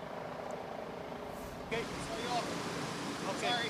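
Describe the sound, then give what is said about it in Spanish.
Firefighters' water cannons spray in a steady, loud, rushing hiss that never lets up, with a few faint chirps and other sounds breaking through the constant roar, fighting a fire at a meat warehouse in a residential area of Boyle Heights. “Bueno, lo que se puede ver y lo que se escucha son cañones de agua que han estado utilizando los bomberos desde la noche de ayer.”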